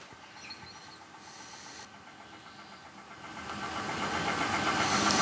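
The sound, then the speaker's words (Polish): A cassette in the left well of a cassette deck winding its tape toward the next song, a steady mechanical whir with a faint motor hum that swells louder and brighter over the final seconds, with no voices. “No to poczekamy, aż przewinie do kolejnej piosenki.”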